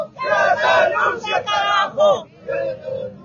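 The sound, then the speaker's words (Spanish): A crowd at the Conani blockade point in Bolivia chants "Que renuncie Paz Pereira" loudly in unison, many voices shouting rhythmic, syllable-by-syllable phrases, then a short pause before a quieter closing phrase. “Ese es el grito revolucionario.”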